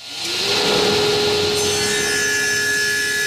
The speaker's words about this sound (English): The sawdust is flying in the Makerspace wood shop when I visit on a Tuesday afternoon.